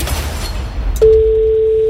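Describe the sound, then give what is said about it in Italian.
After a second of low rumbling background noise, a loud, steady electronic telephone ring tone starts abruptly and holds unbroken to the end, heard alone without any talking. “Potrebbe squillare da un momento all'altro e siamo noi pronti a rispondere.”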